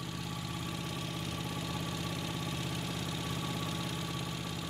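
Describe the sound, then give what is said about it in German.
A steady motorboat engine drones on without a break, a low, even rumble with a faint rhythmic chug, like a small boat at idle or cruising speed, as a hobby hunter steers toward the island of Ziegelwerder. No one speaks. “Yogi Tessmann auf dem Weg zur 2. Schicht. Das Boot ist noch dasselbe”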